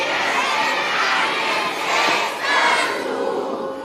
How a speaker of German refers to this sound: Okay, so klingt's, wenn 500 Leute rufen,